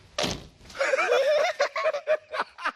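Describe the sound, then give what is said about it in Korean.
A soft thump as a man sits on a floor cushion, then the whoopee cushion lets out a long, buzzy, wavering fart noise that breaks into a string of short sputters before trailing off. “아, 방석에 방귀 소리였네.”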